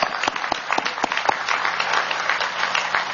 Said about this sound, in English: Ladies and gentlemen, again, how about a round of applause for those incredible kids? Wow.